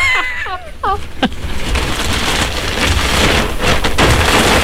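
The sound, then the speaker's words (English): A white plastic bag rustles and crinkles steadily for several seconds, a loud, continuous crackling texture with sharper crunches, preceded by a few brief high chirping sounds at the start. “The white bag. Plastic bag.”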